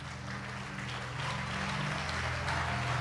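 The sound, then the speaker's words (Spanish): An audience at a church sermon claps together for the King in a steady, dense wash of applause that holds for the whole moment, with a low sustained hum or organ-like drone running beneath it. “Póngase cómodo y déle otro aplauso al Rey, por favor.”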